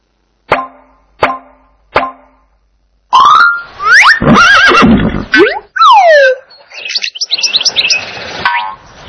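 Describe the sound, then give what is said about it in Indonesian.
Three quick, evenly spaced knocks, then a loud horse whinny rising shrilly and wavering for several seconds before trailing off in a fluttering, shaky neigh. No one speaks. “D. Kuda.”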